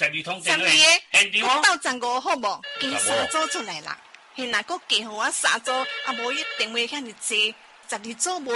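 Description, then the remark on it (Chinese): Telephones ring in two bursts of steady electronic trilling as order phone lines open during a live sales pitch, partly under an energetic voice talking quickly over them. “现场电话卡开啦，十二个哦。”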